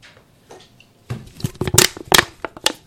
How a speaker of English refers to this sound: That's not what a door sounds like. I didn't really have a doorknob device, so I just squeezed my cans.